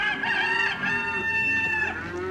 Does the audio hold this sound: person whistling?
no